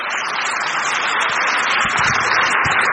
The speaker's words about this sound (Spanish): ¡Aplauso para el Señor! ¡Qué hermoso!